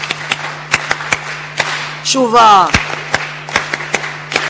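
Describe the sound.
A crowd claps in a steady patter of sharp, scattered hand claps, imitating the sound of rain, as a round of applause for Niassa province, while a single voice calls out loudly for a moment midway through.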